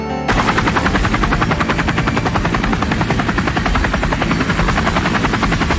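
A military junta helicopter searching for escaped prisoners, its rotor thumping in a fast, steady beat, loud and continuous throughout with a broad engine roar underneath and no voices.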